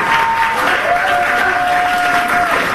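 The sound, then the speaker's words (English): Supporters cheer, shout and clap loudly and continuously in a courtroom as activists enter on the first day of their trial, with a sustained high-pitched whistle or shout cutting through the din for about two seconds. “Chaotic scenes on the first day of the trial, with supporters cheering and shouting when the activists entered the courtroom.”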